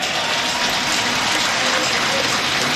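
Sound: applause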